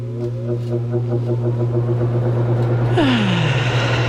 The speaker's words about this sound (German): Der Ventilator, mein bester Freund an diesen Tagen.